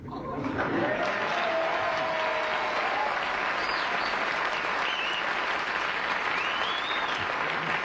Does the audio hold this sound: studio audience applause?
yes